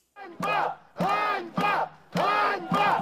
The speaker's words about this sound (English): Just moments ago, the new defense minister was voted in by parliament. Protesters here are shouting the word Einbar, which means shame.